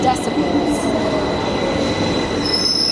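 london Underground train approaching

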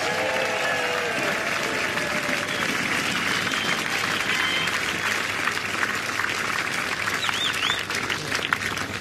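crowd cheering and applauding

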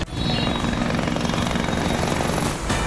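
helicopter flying overhead

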